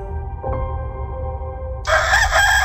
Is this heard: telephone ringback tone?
no